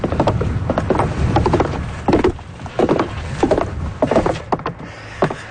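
Steady footsteps thump up a long wooden staircase on the way to Cape Spear, each step a hollow knock repeating at a regular walking pace, with faint outdoor background and no talking.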